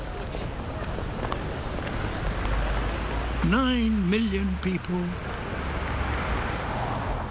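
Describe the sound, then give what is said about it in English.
Steady city traffic in London rumbles and hisses in the background, a constant wash of road noise, while a man speaks briefly over it partway through. “2.5 million cars.”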